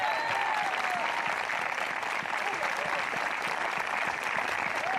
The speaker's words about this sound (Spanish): Yo quisiera que usted le diera un aplauso al Señor si es creyente de verdad.